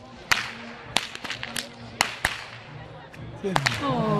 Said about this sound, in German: Ja, und falls sich hier einer wundert, wer so gut mit der Peitsche knallen kann, das ist meine Tochter